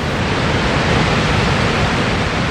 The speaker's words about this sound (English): of water over this rocky precipice, a mile or nearly 2 kilometers wide, down a 100-meter drop into a churning torrent below.